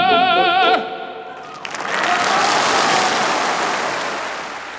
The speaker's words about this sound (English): That was a recording made in 1993 at the Piazza Grande in Modena, where Pavarotti's from, his hometown audience cheering him on, in that encore offered at the end of the program